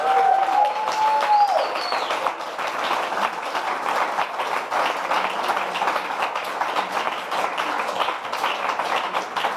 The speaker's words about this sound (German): Aber erstmal genau ein Applaus für alle Künstler und Künstlerinnen.